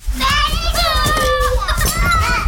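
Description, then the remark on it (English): Toddlers babble and squeal while playing, their high, wavering voices overlapping continuously against a busy, lively background. “That's Anaya. Or more accurately, her toddlers.”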